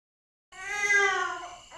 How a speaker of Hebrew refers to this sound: הוא בוכה. אה לא, זה שוב התינוק של השכנים.